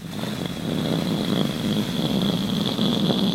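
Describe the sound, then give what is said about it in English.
A voice imitates a rocket launch, producing a steady, loud, rumbling roar with a hissing whoosh that holds for several seconds without a break. “But suddenly you hear a whoosh and a...”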